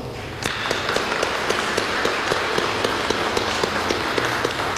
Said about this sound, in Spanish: Al grupo de bomberos, démosles un fuerte aplauso.